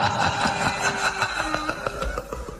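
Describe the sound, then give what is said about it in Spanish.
A motorcycle engine idles, a steady rumbling drone with a buzzing mechanical tone that holds level for a few seconds before cutting off abruptly. “Ahí viene tu Moto Crush.”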